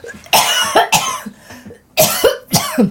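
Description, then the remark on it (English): A loud coughing fit from a woman who has just swallowed a fly: four harsh, raspy coughs in two quick pairs, separated by a short breathless pause, with no talking. “Oh, I'm going to cough.”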